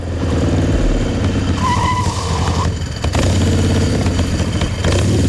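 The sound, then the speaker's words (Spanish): A loud motorcycle without a valid ITV inspection roars steadily as it rides up to La Caleta, with a sharp tire screech in the middle as it skids to a stop, then the engine keeps rumbling at idle. “cogió su moto sin ITV y se plantó en la Caleta en menos de lo que canta un gallo.”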